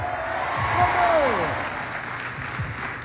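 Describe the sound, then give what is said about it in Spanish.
An audience shouts loudly together for about three seconds in answer to the preacher's call for those who believe to shout. It is a dense mass of overlapping voices that swell and hold steady, with a few rising and falling cries standing out above the roar. “Solo el que lo crea me grita un fuerte.”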